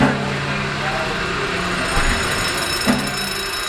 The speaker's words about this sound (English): Boy, that engine is smooth. I love when that engine takes off.